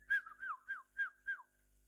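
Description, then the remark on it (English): A person whistles a short birdlike phrase of five quick chirping notes with gliding pitch, clear, with no talking. “And the birds can whistle.”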